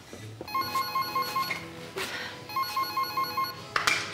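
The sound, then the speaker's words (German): A telephone rings on an outgoing call in repeated bursts, a bright trilling bell with short gaps between rings, steady and fairly loud, with no one speaking over it. “Rufen Sie ihn bitte an, er soll vorbeikommen, und zwar hurtig.”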